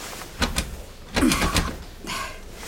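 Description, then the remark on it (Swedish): The handle of the boss's locked office door is jiggled and rattled in three short bursts of metallic clunks, fairly loud, with no voices. “Och dörren är låst.”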